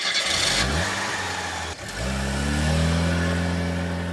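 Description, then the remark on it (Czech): A car engine revs up and accelerates as a couple drive away in it, its pitch rising, dropping briefly with a gear change, then climbing again as it pulls off. Loud and steady, with no voices. “Pak se inženýrovi rozloučili, paní pohladila Kopita po vlasech, nasedli do auta a odjeli.”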